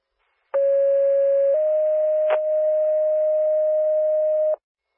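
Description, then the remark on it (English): Loud, steady fire dispatch alert tones for Tishigan Fire play alone: a one-second tone steps up to a slightly higher tone held for about three seconds, with a brief click partway through. “Tishigan Fire, disregard tones.”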